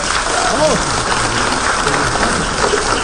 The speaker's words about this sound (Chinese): 大伙儿这热烈的掌声啊 啊！ 我认为不是献给我的。 什么？ 献给我的搭档